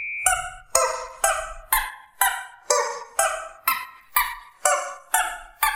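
A squeaky rubber chicken toy honks out a song melody for a guessing quiz on Antenne Düsseldorf radio, about eleven loud squeaks in a steady rhythm with shifting pitch, and no voices.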